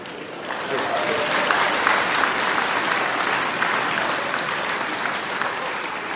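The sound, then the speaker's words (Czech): A crowd applauds steadily for about six seconds, a dense wash of clapping at even loudness from start to finish, with no voices standing out. “Jsem vám vletěl do potlesku, promiňte, ne?”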